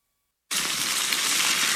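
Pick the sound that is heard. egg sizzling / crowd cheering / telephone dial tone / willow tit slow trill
egg sizzling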